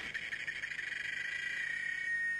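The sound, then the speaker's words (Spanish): A cicada sings alone, a shrill, high-pitched buzz that starts with a rapid pulsing rhythm and then settles into a steady, continuous drone, fairly loud. “Por un momento no se escuchó más que el canto de una chicharra.”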